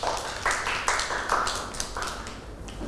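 A group of children clapping in an uneven, patter of soft hand claps that continues steadily for a few seconds, with no voices over it.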